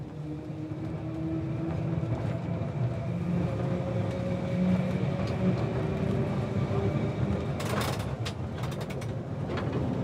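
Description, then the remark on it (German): A tram of the Snaefell Mountain Railway, running from the coast inland toward Mount Snaefell, the island's highest peak, rumbles steadily along, a continuous low mechanical drone with faint tonal whines, punctuated near the end by a burst of sharp metallic clicks and rattles from the wheels. “Die Snæfell Mountain Railway.”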